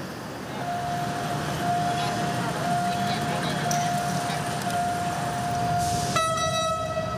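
A freight train rumbles steadily past a level crossing while a high warning tone rings on and off, then a loud train horn blasts near the end.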